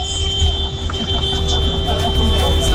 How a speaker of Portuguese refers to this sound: Olha a galera buzinando. Galera chegando aqui na Band FM pra todo o Brasil.